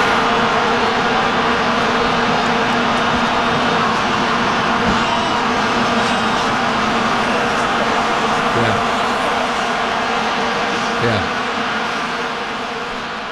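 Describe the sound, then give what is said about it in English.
A stadium crowd blowing vuvuzelas at the 2010 FIFA World Cup in South Africa: a loud, unbroken, insect-like drone of many horns layered on one low buzzing pitch, steady for the whole stretch with crowd noise blended underneath. “So there would be no vuvuzelas at the FIFA World Cup”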